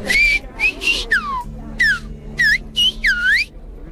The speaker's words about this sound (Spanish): cada uno preparado para recibir al Papa a su manera, incluso para saludarlo con el tradicional silbo gomero.